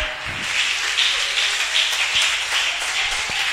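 An audience applauds a band, in a dense, steady wash of overlapping claps, bright and hissy, sustained at an even loudness for several seconds with no speech over it.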